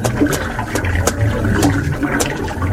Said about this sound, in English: Well, this spring is a good place to drink and rest, too.